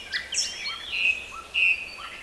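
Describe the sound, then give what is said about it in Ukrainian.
A nightingale sings a string of bright, varied whistled phrases with sliding notes and short pauses, clear, with no voices or other sounds around it. “Він розгублено кружляв над спаленим лісом і сумно витьохкував”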